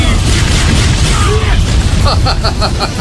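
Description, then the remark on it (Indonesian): A loud, sustained cartoon fireball attack blast during a duel roars with deep rumbling, a few swooping tones in the middle, then a quick run of bright, evenly pulsing bursts at the end. “Bola api!”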